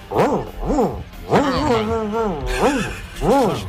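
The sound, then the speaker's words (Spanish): A listener vocally imitates an angry dog, a run of harsh growling barks and a drawn-out snarl, loud with arching, rising-and-falling pitch. “Perro cabreado.”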